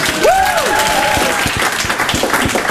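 A crowd bursts into loud, sustained applause for a supermarket employee, with dense clapping throughout and a sharp whistle that rises and falls early on. Nobody speaks.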